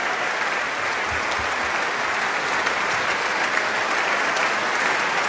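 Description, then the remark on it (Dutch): Sustained concert audience applause as Dumestre returns to the stage with his viola, a small guitar, for an encore; a dense, steady wash of many hands clapping at even loudness throughout, with no voices standing out. “Maar eerst nog wat meer applaus.”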